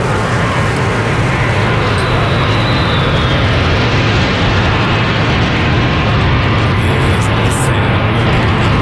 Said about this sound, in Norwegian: Luftforsvaret fløy over Oslo sentrum. Det var 4 F-35 kampfly som for over sentrum av Oslo. Et fly brøt ut av formasjonen og steg til værs, et symbol på den avdødes bortgang.